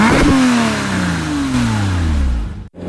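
A loud car engine of a car that ran a red light roars steadily for a few seconds as it comes toward them, its pitch gradually sliding lower, then cuts off abruptly near the end. No voices.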